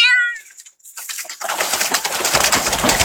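A cat named Belang lets out one short, high-pitched meow, then a loud, steady scratchy rustling takes over as it shifts about in a plastic basin.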